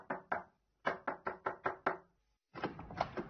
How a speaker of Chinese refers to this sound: 在夏天的一个晚上，这八岁的汤姆是独自一人坐在屋里，突然传来了一声敲门声。